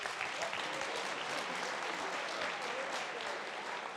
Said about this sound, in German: Das ist Ihr Applaus. Dankeschön.